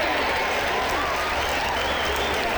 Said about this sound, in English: Now stop all the clapping.